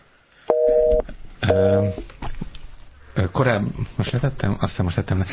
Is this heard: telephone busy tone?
yes